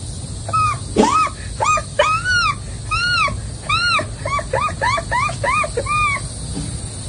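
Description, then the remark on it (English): A voice imitates an American herring gull, with a loud series of about a dozen sharp, rising-and-falling yelping calls delivered in quick rhythmic bursts, like a gull's laughing cry. “next, the herring, the American herring gull.”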